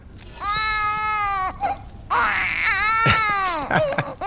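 A baby cries in loud, high-pitched wails, three long drawn-out bursts with brief gasping pauses between them and a choppy sobbing cry at the end.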